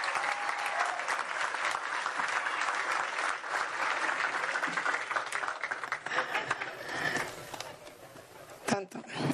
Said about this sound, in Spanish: Un aplauso para el equipo de La Esperanza.